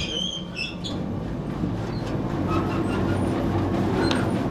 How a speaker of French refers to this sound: Ça, c'est le nettoyeur séparateur.